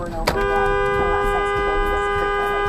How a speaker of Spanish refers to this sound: El auto gris frenó abruptamente y el conductor que trae la cámara en el tablero tocó el claxon para pedirle que avanzara.